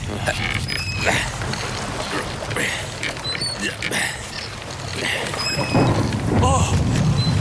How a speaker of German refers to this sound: Oh, verdammtes Gewitter. Ja, es kommt offenbar wieder zurück.